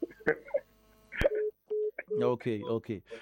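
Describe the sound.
A phone being dialed: a couple of sharp clicks, then a run of short, evenly spaced electronic beeps, close and clear, before a voice begins talking over the line.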